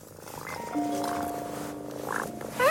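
A cat in a house purrs in a steady, continuous hum that lasts a couple of seconds, with a slight swell near the end and no voices.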